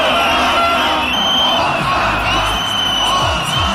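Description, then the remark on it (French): A dense protest crowd in Parliament Square shouts and cheers continuously, a loud roar of many voices with scattered whoops and yells rising above the din, unbroken throughout. “Jour après jour, la place du Parlement peine à contenir la foule tandis que des centaines de personnes restent bloqué dans les bouches de métro.”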